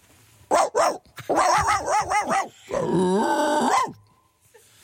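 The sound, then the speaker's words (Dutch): A person imitates a dog: two short barks, then a quick run of yappy woofs, ending in a drawn-out growling howl before silence. “Kun je een hond aan doen?”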